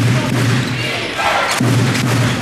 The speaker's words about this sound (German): Ihr hört Radio Köln um 6.11 Uhr und wir gehen direkt rein zu verschwitzten Trikots und quietschenden Schuhsohlen auf Hallenboden.